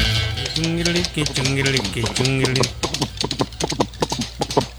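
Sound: horse hooves clip-clopping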